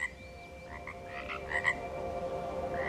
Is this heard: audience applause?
no